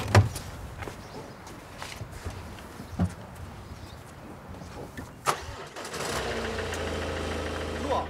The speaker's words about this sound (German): Innerhalb von wenigen Sekunden ist das Problem bereits gelöst. Das Auto läuft wieder. Da war jetzt erstmal die Batterie leer.